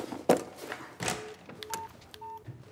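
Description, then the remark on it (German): Several short electronic keypad beeps from a mobile phone, each a brief dual tone pressed in an uneven rhythm, with soft clicks and rustling handling noise at the start. “Was macht unser Gast? Der telefoniert.”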